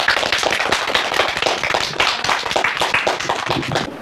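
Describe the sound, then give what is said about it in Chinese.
A group of students claps steadily to thank a teacher, a dense stretch of applause with many overlapping hand claps, loud, ending abruptly after about four seconds. “那同学们，也让我们再次把感谢的掌声送给我们的”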